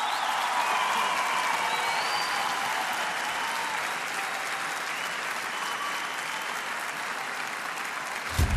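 Sustained applause from a large audience at the Colón, an ovation for a performer being introduced: a dense steady wash of clapping that holds at an even loudness for several seconds, with a brief low thump near the end.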